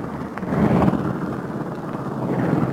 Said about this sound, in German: Schnell wird noch einmal ausprobiert, ob alles richtig funktioniert. Der Werkmonteur, ein flinker Mann, wirft jetzt schon den Propeller an.